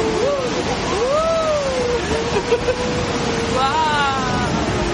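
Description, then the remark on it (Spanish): Steady rushing water of a small rapid on the river at Krumlov, heard while boating on it, fills the whole stretch with churning, and a few brief vocal calls rise and fall over the constant wash. “Es un río muy tranquilo, salvo como escucháis ahí en ese momento del audio, que hay algún pequeño rápido.”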